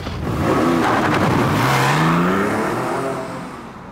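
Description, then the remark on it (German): A car engine revs up and accelerates, its pitch climbing steadily as the vehicle pulls away, loud at first, then easing slightly as it drives off. No one speaks. “Ich bin der Anwalt mit dem Auto und Sie sind der mit der Fußarbeit.”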